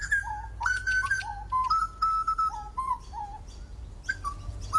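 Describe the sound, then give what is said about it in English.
A grey butcherbird sings a run of clear, flute-like whistled notes that step up and down in pitch, phrases repeating over a low steady background rumble, distinct. “Oh, the greys also have a nice call.”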